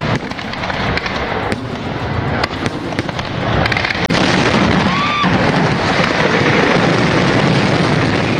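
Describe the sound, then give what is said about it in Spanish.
A loud, dense fireworks barrage at night at the town festival in Fuenlabrada: sharp cracks and bangs pop repeatedly over a continuous roaring wash, with a brief rising whistle cutting through partway, intense throughout. “El otro suceso tiene que ver con los fuegos artificiales de esta pasada noche en las fiestas de Fuenlabrada.”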